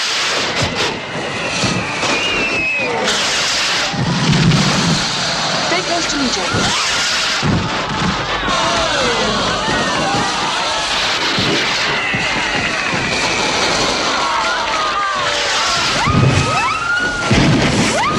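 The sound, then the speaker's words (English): Fireworks thud and rumble overhead in a few deep booms as a crowd looks up at the display, set against a dense, busy wash of crowd noise and chatter that fills the whole scene. “They look up to fireworks.”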